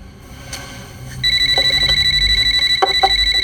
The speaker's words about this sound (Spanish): Suena el teléfono.